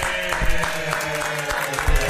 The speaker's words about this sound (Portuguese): Peraí, vamos aplaudir, vamos aplaudir.